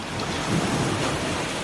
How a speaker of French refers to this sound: Vous entendez le bruit des vagues?